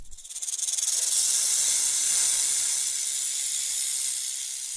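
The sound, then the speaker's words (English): A snake hisses in one long, steady, breathy exhale that swells in quickly and holds strong for several seconds, fairly loud, with no voices. “And hikers urged to watch out for snakes in forests as sunshine returns.”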